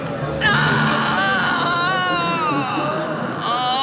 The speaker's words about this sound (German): Ein schauerlicher, klagender Schrei ertönte, für den sich keine Erklärung fand.